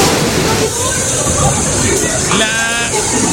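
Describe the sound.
Floodwater sloshes and rushes in a steady, loud wash of heavy rain, with indistinct voices murmuring underneath and a brief tonal voice-like sound near the end.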